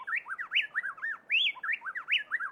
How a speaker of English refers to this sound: In Ecuador, plain-tailed wrens blend their voices so perfectly that it sounds to our human ears as if just one bird were singing.